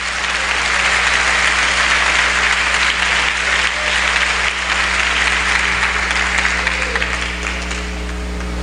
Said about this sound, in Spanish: Dele fuerte el aplauso.